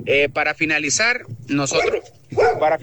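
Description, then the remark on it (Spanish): A small dog yaps, firing off several quick, high-pitched barks in bursts with short pauses between them, fairly loud and clear. “Para finalizar, con mis hijos, aquí salió un perrito.”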